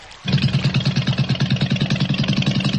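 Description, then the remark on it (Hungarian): A motorboat engine catches after a brief silence as the boat is started, then settles into a loud, steady, rapidly chugging idle with a rhythmic throbbing rumble and no voices. The boat slowly turns back in a wide half-circle. “És elindítja a csónakot, amely lassan, nagy félkörben kanyarodik visszafelé.”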